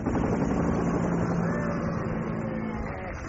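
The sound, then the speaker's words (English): A helicopter used for the school run drones steadily overhead, a dense, continuous rumble of engine and rotor noise holding at a fairly loud, even level for a few seconds before easing slightly at the end. “Ah, so that is the school helicopter pilot.”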